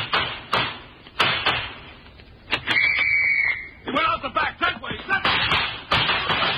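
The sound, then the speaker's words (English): A handful of sharp, cracking gunshots ring out at irregular intervals, loud, with excited voices shouting in between the shots. “Dopes, hold your fire.”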